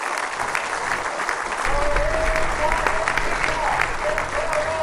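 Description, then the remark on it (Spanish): A crowd breaks into sustained applause for the producers, dense clapping at steady loudness for several seconds, with a faint whistle or cheer rising above it. “Un aplauso para todas y para todos.”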